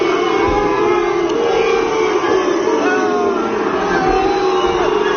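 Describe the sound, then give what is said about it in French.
A large crowd of about 2,000 to 3,000 people boos and jeers loudly and without pause at the arrival of the Rayo Vallecano players, with shrill whistles rising and falling above the dense, roaring din for the whole stretch. “Écoutez-moi cette bronca.”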